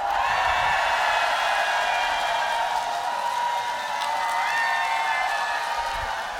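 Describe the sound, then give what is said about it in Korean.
A concert audience in Jangheung, South Korea, applauds and cheers for a singer's song without pause, a dense, steady wash of clapping mixed with sustained high shouts and whoops, holding at an even loudness throughout. “요 노래 뜰 것 같다, 잘 될 것 같다 하시는 분들만 박수와 함성!”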